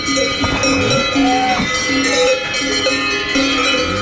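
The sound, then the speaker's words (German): Many cowbells on cows waiting at the milking stand in the morning on an alpine pasture, Alp Breitwang in Eritz, clank and jangle together in a dense, overlapping metallic clatter, with irregular rhythm and several bell pitches ringing at once, fairly loud throughout and with no talking. “So tun es zum Beispiel, wenn die Kühe vor einem Milchstang warten am Morgen.”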